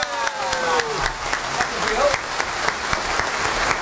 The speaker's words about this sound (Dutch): Even blijven klappen. Even blijven klappen, want ik moet de microfoon nog inschakelen.